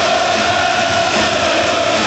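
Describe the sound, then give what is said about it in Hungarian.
A dense, roaring ice hockey arena crowd cheers and chants continuously and loudly during a game against Slovakia, with a steady wash of many voices and no single speaker standing out. “Most direkt nem szólaltam meg, hogy halljuk a közönséget.”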